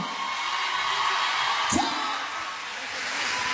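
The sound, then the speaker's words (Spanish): A crowd at a live show being recorded for a band's DVD claps and cheers for a performer in a steady, dense wash of sound, with a single rising whoop cutting through partway in. “El aplauso más fuerte para Pablo.”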